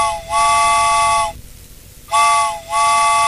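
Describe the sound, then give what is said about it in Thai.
A steam train whistle sounds two long, loud, shrill blasts as the train departs, each rising quickly at the start, separated by a short breathy hiss of steam. No one speaks. “เพราะฉะนั้นแล้วนะคะรถไฟก็คงจะต้องออกแล้วนะคะไปแล้วนะบ๊ายบาย”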